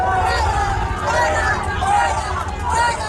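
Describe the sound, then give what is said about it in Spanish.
A large outdoor crowd at the nunciature in northern Madrid, Spain, boos and shouts "fuera, fuera" at the Spanish prime minister arriving by car, voices rising and falling in rough chant-like waves over a dense, loud din of many people. “Gritos de fuera, fuera al presidente del gobierno que llegaba en coche a la nunciatura en el norte de la ciudad de Madrid.”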